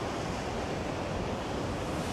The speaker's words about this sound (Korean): 굉장히 위험하고 파도도 엄청 무섭게 치네요 오늘.